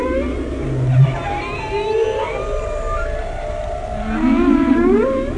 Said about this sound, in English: If you get up nice and close, you can hear them doing that. The beautiful call in the wild of the whale.